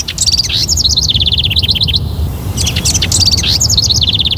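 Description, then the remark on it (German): Bright, busy birdsong with rapid trilling chirps in two bursts separated by a short pause, loud over a low steady rumble of background noise. “Eine neue Studie hat gezeigt, Vogelgezwitscher erzeugt Glücksgefühle und entspannt.”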